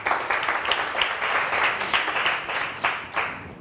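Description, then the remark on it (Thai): A class of students applauds together for group 2 as they come up to present their app, a dense, steady patter of many hands clapping at once for a few seconds, with no one speaking over it. “กลุ่มไหนก่อนดีคะกลุ่ม2ปรบมือให้เพื่อนหน่อยค่ะ”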